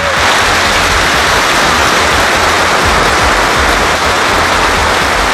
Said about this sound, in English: Middlesbrough fans have held a minute's applause to pay tribute to 2 police officers killed in a head-on collision last weekend.